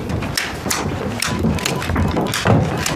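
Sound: abacus beads clicking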